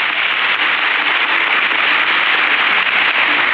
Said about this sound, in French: Alors, je l'applaudis avec vous.